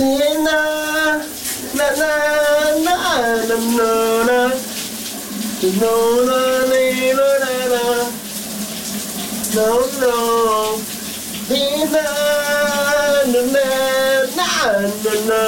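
Shower water hisses and rushes steadily throughout during a cool morning shower at the Danish radio station VLR, while a man sings loudly over it in long, wavering phrases with brief pauses between lines.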